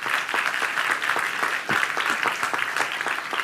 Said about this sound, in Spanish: Den un aplauso a Dios bien fuerte.